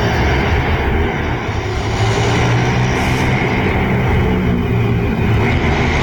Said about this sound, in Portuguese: Dá para perceber que são motos acelerando, né?